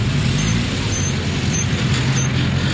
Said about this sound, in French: Devant cette station-service de Brazzaville, la longue file des voitures qui attendent le carburant dépasse les 100 mètres.